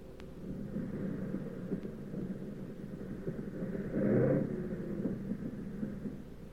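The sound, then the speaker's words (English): A bomber's damaged engine sputters as the plane comes in to land with its fuselage full of holes, a low, rough drone that briefly swells louder before settling back to its uneven rumble. No voices are present. “But we came in okay, with one engine sputtering and the fuselage full of holes.”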